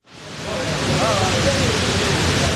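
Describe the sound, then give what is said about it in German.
A steady, dense roar of water falling nearly 10 meters down all four walls of a square memorial pool at the former World Trade Center site in New York, swelling in within the first moment and then holding constant and loud, with faint voices barely rising above the rush. “Wasser stürzt an den vier Seiten ununterbrochen fast 10 Meter in die Tiefe.”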